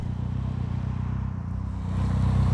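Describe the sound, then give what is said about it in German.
A loud motorcycle engine idles and rumbles steadily during a general roadside traffic check, its low throbbing pulse growing slightly louder toward the end as the revs rise. No one speaks. “Beim nächsten Motorrad fällt Thomas Schreck die Lautstärke auf.”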